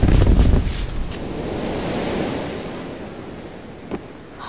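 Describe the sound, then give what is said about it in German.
A baggage car burns in a roaring phosphorus fire after a bottle broke, a steady, dense rush, loudest at the start before settling into a constant wash, with a few sharp crackles breaking through and no voices. “Der Gepäckwagen brennt! Irgendeine Flasche ist kaputt gegangen! Der Phosphor.”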